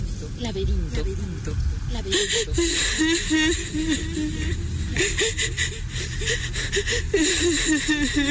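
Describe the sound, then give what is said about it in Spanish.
A woman, the nymph Echo, sobs in the labyrinth, her wavering, high-pitched cries broken by shaky, gasping breaths that come in repeated bursts for several seconds, with no words. “Hay alguien que está llorando. Son los sollozos de una mujer.”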